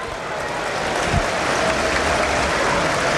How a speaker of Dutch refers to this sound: Applaus voor Zegio. Langs de zijlijn hier aan de kant van waar ook de perstribune zit. De kant van het Maasgebouw dus. Ook vanuit het Utrechtvak wordt hij toegezongen, hè, Zegio.